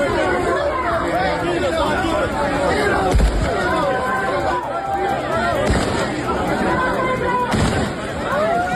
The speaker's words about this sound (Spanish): Los disparos al aire, se ha ido controlando el caos de la estampida inicial